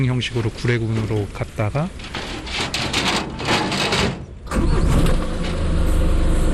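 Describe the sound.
Voices talk over a busy background, then the engine of a truck taking the bears Dolly and Souni to the Gouré refuge, near Mont Djili national park in the south of the country, turns over and settles into a loud, steady, rumbling idle for the last couple of seconds.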